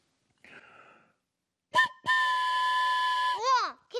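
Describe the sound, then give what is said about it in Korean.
A brief breathy hiss, then two short toots and a long, steady, multi-toned train whistle that ends in a quick wavering pitch drop, followed by a final short blast. “기차 소리 맞네.”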